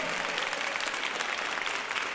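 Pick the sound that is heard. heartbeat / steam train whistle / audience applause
audience applause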